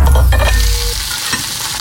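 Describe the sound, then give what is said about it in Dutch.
An egg frying in a pan, a steady crackling sizzle with a broad hiss and scattered pops, plus a brief scrape partway through. No one speaks. “geef jij mij nou een gebakken ei zonder zout?”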